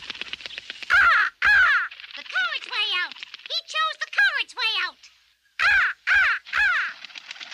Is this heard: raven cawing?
yes